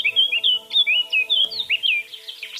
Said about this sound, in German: auf der Webseite von der Vogelwarte Sempach kann man nämlich hören, wie der pfeift, die Mönchsgrasmücke